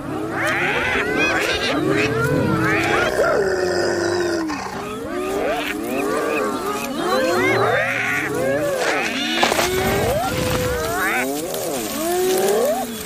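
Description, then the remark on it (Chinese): Spotted hyenas in a clan growl and squabble in a conflict over sharing food, many loud overlapping calls rising and falling in pitch, continuous throughout with no pauses. “这也正是头领展示存在感的时机，虽然通常情况下仅仅是几声咆哮和有力的抓挠足矣。”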